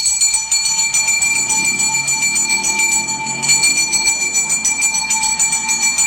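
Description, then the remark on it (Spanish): A garbage truck's bell rings loudly and steadily for several seconds, struck in a rapid, continuous clangor with a sustained metallic ring and no voices. “Y van a decir ustedes, ¿por qué la campana del camión de la basura?”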